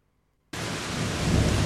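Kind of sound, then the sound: nature, heavy rain with thunder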